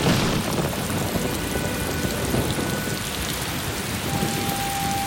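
Steady, heavy rain pours down outside without a break, a dense hiss of drops with a low rumble of thunder underneath. No one speaks.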